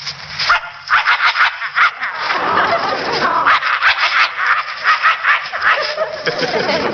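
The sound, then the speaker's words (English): A person imitates a vicious dog, growling and snarling in harsh, rapid, loud bursts, with a sustained rumbling snarl in the middle and choppy barking-like pulses around it. “Or a vicious dog like this.”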